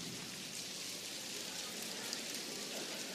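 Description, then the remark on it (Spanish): One finger claps against another finger as hard as possible, imitating light rain starting to fall on the countryside: a dense, even hiss of soft taps that stays constant throughout, with no one speaking. “Esa es la lluvia que empieza a caer sobre el campo.”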